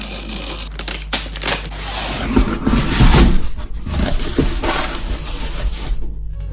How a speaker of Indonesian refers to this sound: Ini ku beli online, jadi agak murah. Dah, yuk kita unboxing.